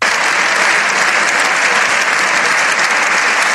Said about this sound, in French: Des applaudissements nourris, entrecoupés de plusieurs « Viva el Papa ». Les profondes divisions qui traversent le Parlement espagnol n'ont pas empêché l'ensemble des forces politiques d'ovationner longuement et à l'unisson le pape après son discours